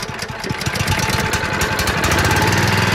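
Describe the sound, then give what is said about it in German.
A large motorized vacuum cleaner runs steadily, its loud, rough engine chugging like a lawn mower beneath a broad rushing hiss, as it sucks a caterpillar nest from a tree, with no voices. “Was sich anhört wie ein Rasenmäher, ist im Grunde ein übergroßer Staubsauger. Mit dem saugt Bredenstein das Raupennest vom Baum.”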